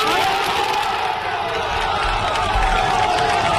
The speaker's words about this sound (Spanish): El aplauso de la afición.